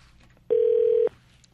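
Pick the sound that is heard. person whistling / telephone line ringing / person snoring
telephone line ringing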